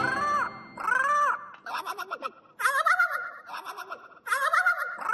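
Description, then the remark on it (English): A small bird calls loudly in a series of about five squawky, warbling bursts separated by brief pauses, with no talking. “The pretty big thing is that little bird?”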